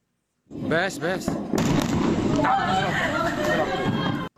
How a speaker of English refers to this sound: Right, well, there has been a massive explosion at a weapons depot in Syria, which has shaken the Syrian countryside. That's been happening near Aleppo.